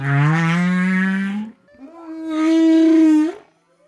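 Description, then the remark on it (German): Two long, drawn-out whale song calls, each a rich harmonic moan lasting over a second, the second slightly higher and rising at its end, loud, with a brief gap between them. “Sind die Töne weiter oben noch hoch und langgezogen, werden sie immer tiefer, je tiefer auch der Wal taucht.”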